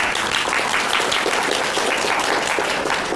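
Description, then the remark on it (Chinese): Students in a class applaud to welcome a classmate invited to present a survey of CNC machine tool systems: a steady wash of many hands clapping at an even, fairly loud level throughout, with no voices standing out. “大家鼓掌欢迎。”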